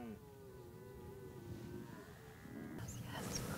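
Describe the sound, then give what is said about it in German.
A young red deer stag bellows a long, drawn-out moaning call in the evening, answering a person's call, wavering in pitch, with a rougher burst of sound near the end and no talking. “Das ist einfach nur, dass er jetzt als junger oder jüngerer Hirsch mir antwortet darauf, dass ich auch sehnsüchtig rufe.”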